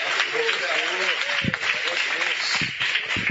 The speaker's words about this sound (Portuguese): E as palmas bem bonita, bem bonita, bem bonita, para Jesus.